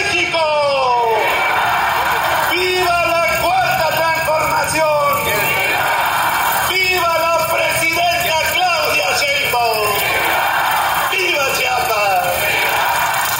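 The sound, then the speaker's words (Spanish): A large crowd of people in Chiapas, Mexico, shouts "viva" together again and again, loud, roughly every two seconds, with a dense layer of voices and a steady noisy hubbub underneath. “Desde el rincón del sur, donde inicia la patria, gritamos con orgullo y fervor, ¡viva!”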